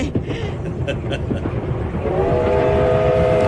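A train pulls away with a steady, loud rumble of rolling wheels, and partway through a long sustained horn tone rises over the clatter and holds to the end.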